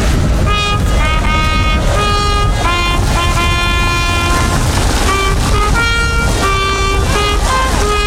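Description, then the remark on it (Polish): The academic hymn Gaudeamus Igitur rings out from the tower of St. Mary's Church over the market square in Kraków for the Jagiellonian University's celebration, as a slow brass melody of long, held notes stepping up and down, loud and steady, with a constant hiss of pouring rain underneath and no voices. “Rano złożono kwiaty na grobach fundatorów uczelni, ale kilkadziesiąt minut temu z wieży kościoła mariackiego wybrzmiało Gaudeamus Igitur.”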